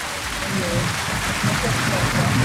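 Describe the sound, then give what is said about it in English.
A crowd applauds someone who answered a quiz question correctly, in a dense, steady wash of clapping that holds at a fairly loud level for the whole stretch, with murmuring voices faintly mixed underneath. “A round of applause for yourself.”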